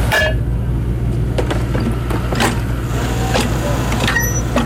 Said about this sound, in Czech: Stojíme v místě, kde má v budoucnu vést až 700 metrů dlouhý tunel. Vrtná souprava geologů právě pracuje ve svahu, přímo v Jablečném sadu.